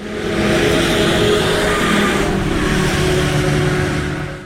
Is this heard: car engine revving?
yes